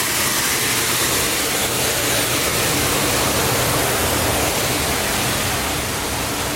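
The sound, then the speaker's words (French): A steady, loud wash of wind noise roars on the forward mooring deck of a ship, where large winches are wound, with a low engine rumble running underneath throughout; no voices, just continuous outdoor ship ambience. “La plage de manœuvre. Où il y a des gros treuils qui sont enroulés.”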